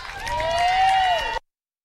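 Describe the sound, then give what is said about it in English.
A crowd in Mbantwa, Alice Springs, applauding and cheering after a performance, with one loud sustained whistle or whoop rising above the noise, ending abruptly after about a second and a half. “applause for that performance”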